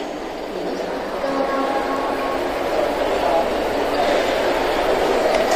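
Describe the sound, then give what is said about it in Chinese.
A train arrival announcement echoes over the public address system of the busy Nanjing South high-speed rail station in China during the holiday travel peak before National Day, with trains arriving every minute, blending into a steady wash of crowd murmur and hall reverberation. “我现在就在铁路南京南高铁站，大家可以往我身后看呀，往来的旅客是非常的多，而且我站在这里每分钟都有列车进站的播报，可以说这里已经进入了国庆假期的运输高峰。”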